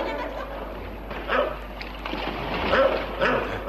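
A dog barks in a few short, agitated bursts, mixed with whimpering whines, over a steady rushing background noise like wind or water.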